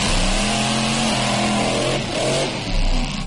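A car engine revs hard and loud at an extreme-driving stunt show with cars and motorcycles at the karting grounds in Comarruga, its pitch climbing and falling in surges over a steady roar, with no talking.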